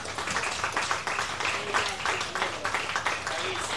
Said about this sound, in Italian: Per questo bisogna fare un grande applauso a PGK, appunto un grande applauso.